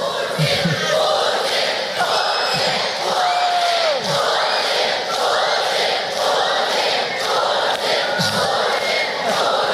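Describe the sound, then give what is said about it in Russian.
A loud crowd of children in a hall greeting Vladimir Putin squeals in high, sliding shrieks while chanting "Putin, Putin" in a steady repeated rhythm, at the closing ceremony of the Bolshaya Peremena contest in Krasnoyarsk, the shrill noise continuous and undiminished throughout. “В сообщениях российских телеканалов подчеркивалось, что появление Путина было якобы неожиданностью для присутствовавших в зале детей, встречавших его визгом и скандированием «Путин, Путин».”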